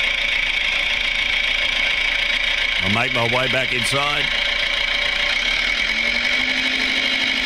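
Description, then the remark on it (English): A small red tractor engine chugs steadily while a man speaks briefly over it, then its note lifts slightly as the tractor drives off. “There he goes on the little red tractor.”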